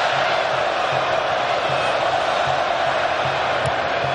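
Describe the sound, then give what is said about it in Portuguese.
A large football stadium crowd at a Brazil match chants olé in a loud, sustained roar, with a steady rhythmic swell underneath and no break throughout. “Torcida grita olé.”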